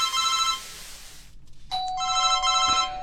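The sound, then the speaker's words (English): A telephone rings in a flat in two bursts with a short pause between, its bright electronic tones loud over a faint hiss, with no talking. “Who's calling me? Oh, damn, I might as well get out.”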